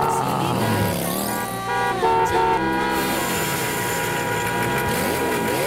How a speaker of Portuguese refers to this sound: Cidade barulhenta, hein?